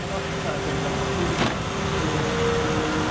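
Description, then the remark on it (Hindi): A truck rolls steadily down the road toward Leh, one of two trucks travelling together, heard from inside the cab as a constant engine drone and road rumble, with one brief click partway through. “अभी हम दो ट्रक को लेके जा रहे हैं ले को, क्योंकि अगर कुछ प्रॉब्लम आ जाता है आपस में थोड़ा सा हेल्प हो जाएगा।”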